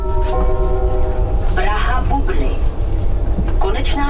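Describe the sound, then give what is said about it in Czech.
A public address announcement for passengers on trains from Kladno and Kralupy nad Vltavou, which now terminate at Praha Bubny station in Prague, Czech Republic: a steady tone opens, then an amplified voice speaks over a constant rumble of rail and platform noise. “Tohle hlášení nově slyší někteří cestující z Kladna a Kralup nad Vltavou.”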